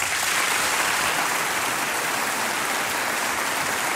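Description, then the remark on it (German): Sustained audience applause in a hall, welcoming guests at Sounds of Carinthia, a concert by the music schools of the state of Carinthia (Kärnten): a dense wash of many hands clapping at a steady, loud level for the full four seconds, with no voices standing out. “Der Applaus gilt allen gleichermaßen.”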